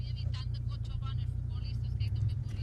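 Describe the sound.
A car's engine rumbles steadily and low as it drives slowly into a shopping centre car park, while people talk over the continuous hum.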